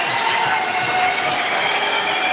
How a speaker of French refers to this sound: des sifflets, des applaudissements pour Lorient